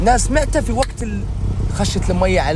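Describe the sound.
Steady low rumble of a car interior on the move, a continuous engine and road drone, with a person talking over it throughout; the car is driven back through a place struck by a deadly flood.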